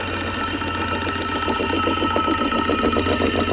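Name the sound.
woodpecker drumming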